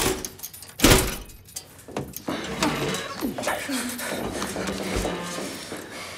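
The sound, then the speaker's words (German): A door is unlocked and swung open with a sharp mechanical clack near the start, followed by shuffling movement and muffled voices talking. “Schließ auf.”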